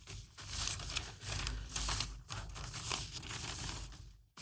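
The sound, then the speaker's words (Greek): Steady rustling and crinkling of paper as piles of sheets are shuffled and pushed around in bursts while someone searches through them for a news clipping, continuous for several seconds with no voices. “Έχω 10.000 χαρτιά εδώ πέρα.”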